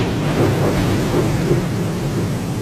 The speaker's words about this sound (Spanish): Durante una noche hubo una fuerte tormenta.